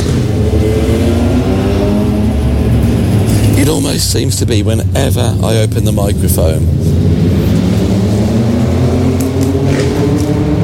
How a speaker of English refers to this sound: the biggest, the most dirtiest, ugliest motorbike decides to drive by the side of me.